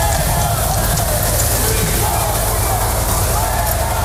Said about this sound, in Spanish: El presidente del gobierno, Pedro Sánchez, ha sido recibido con pitidos y abucheos a su llegada al desfile de la fiesta nacional que este año se celebra coincidiendo con la precampaña electoral.